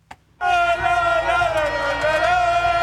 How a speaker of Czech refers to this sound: Po závěrečném hvizdu propukly davy na náměstích španělských měst Viasot. Lidé se objímali, křičeli, tančili a zpívali.